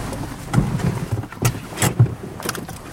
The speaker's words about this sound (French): Ce que je vais faire, c'est que je vais me garer là, comme ça, je prends pas de risque, je me gare entre les deux frères.